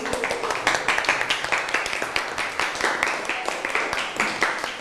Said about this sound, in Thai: นั่งลงได้ครับปรบมือให้กับเพื่อนเลยครับ